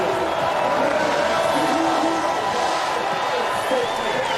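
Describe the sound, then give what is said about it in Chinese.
Spectators at an alpine ski downhill race roar and cheer steadily for the whole few seconds as they await Odermatt's final sprint to the finish, a dense, loud wash of voices with faint whistle-like tones riding on top and no clear individual words. “奥德马特最后的冲刺，现场的观众也用欢呼声在等待着他，1分52秒31。”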